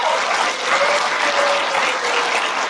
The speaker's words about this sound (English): But today I want to hunker down a little bit, spend a little more time here, and I'll just ask you by your applause, how many here would want to experience more favor and blessing in this church from God? How many?